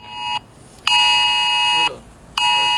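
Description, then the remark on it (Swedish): A loud, harsh electronic emergency alert tone for phones, played back, blares in repeated long bursts with brief gaps, a buzzing stack of steady high pitches, with no one talking. “Vad tänker ni om det här, att det kommer tjuta i telefonerna?”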